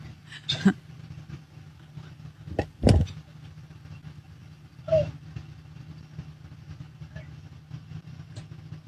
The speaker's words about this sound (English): caught the moment they backed their pickup truck into the driveway and started to get out and call it a night